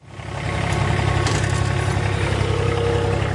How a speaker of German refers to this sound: Die Sonne scheint auf den zwischen Bergen umgebenen Fußballplatz des ATV Irdning. Auf dem Rasenmäher sitzt Gerald Wurzbach und bringt wenige Minuten vor Trainingsbeginn nochmal alle Halme auf die genau gewünschte Länge. Auf 24 mm.